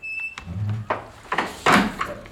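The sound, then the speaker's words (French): A door is pulled shut with a series of wooden clunks and a latch rattle, over a low background hum, with no one speaking. “Et fermez la porte derrière vous.”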